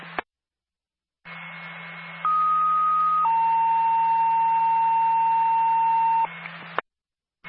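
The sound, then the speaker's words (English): A dispatch radio alert tone for Medford ambulance personnel, over hissing radio static and a low hum: a short high beep, then a slightly lower steady tone, then a long, lower sustained tone lasting several seconds. “Medford ambulance personnel, stand by for a tone.”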